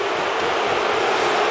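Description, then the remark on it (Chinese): A stadium crowd boos after a play is not whistled dead, in a loud, steady wash of massed voices that holds for about a second and a half with no pauses, and no one speaks over it. “这球没有吹死球，所以现场观众开始嘘。”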